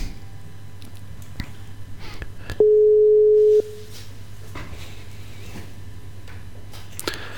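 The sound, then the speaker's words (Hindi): A single steady electronic telephone tone sounds for about a second, loud and clear over a low background hum with faint clicks and line noise around it, as a broadcast host places a phone call to a guest. Nobody speaks. “दोस्तों, हम कोशिश कर रहे हैं भाई राधे जी से और संपर्क करने को, और राधे भाई को देखते हैं कि उनसे कैसे टेलीफोन द्वारा हम आउटस्टैंडिंग में ला सकते हैं।”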